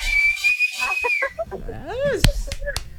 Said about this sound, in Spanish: ¡Chíflale!